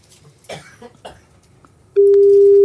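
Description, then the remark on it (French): After a few soft coughs and throat-clearing sounds, a steady telephone ringing tone comes in loud and clear partway through, holding one unbroken pitch to the end: the second ring of a call to a home in Dompierre-sur-Charente, Charente-Maritime, France. “Ça sonne chez monsieur Vallée. 2e sonnerie.”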